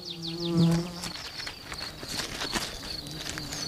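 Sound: mason bee buzzing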